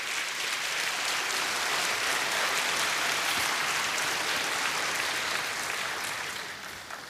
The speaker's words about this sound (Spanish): Dale palmas al Señor.